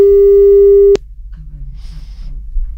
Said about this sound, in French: Vas-y, un bip bip. Ouais, allez, c'est ça. Ouais, un bip bip.